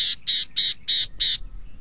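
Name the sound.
gnatcatcher call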